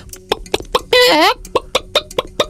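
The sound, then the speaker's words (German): A voice imitates a chicken: short clucks, then a drawn-out rising-and-falling squawk, followed by another run of quick, evenly spaced clucks. “Ich würde sagen, ist es Huhn?”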